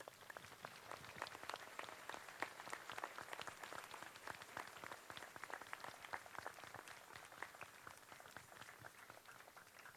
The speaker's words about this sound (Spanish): Creo que este caminar, este esfuerzo que hemos hecho todos, nos merecemos un aplauso todos.